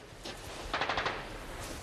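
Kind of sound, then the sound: impact, gunfire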